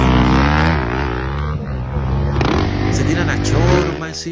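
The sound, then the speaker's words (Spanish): Loud engines of high-displacement trail motorcycles, at least 100 cc, rev continuously, their pitch rising and falling in overlapping surges, with faint voices buried underneath. “Son motos, yo no sé, tú sabes mucho más que yo. Son estas de alta cilindrada”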